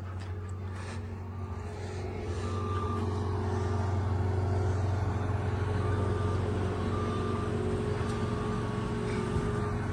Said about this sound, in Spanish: Solamente hay una moto niveladora que viene trabajando.